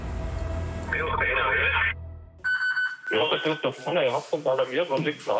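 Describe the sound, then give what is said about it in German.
A mountain rescue alarm tone sounds at the mountain rescue service in Grainau, Germany: a warbling electronic signal over a low rumble, then a brief steady multi-pitched tone, followed by a voice talking, with a radio-like quality. “Alarm bei der Bergwacht Greinau.”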